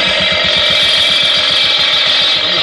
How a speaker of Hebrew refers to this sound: תפסיק רגע את המכונה.